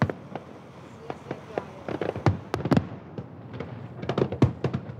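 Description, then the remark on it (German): Fireworks burst over Hamburg, watched by crowds on ships and boats hung with strings of lights: a rapid, irregular series of sharp booms and crackles, clustering densely toward the end, with a low rumble of crowd murmur and voices underneath. “Pünktlich zum Feuerwerk, so lieben es Japaner und Deutsche, spielt auch Petrus wieder mit.”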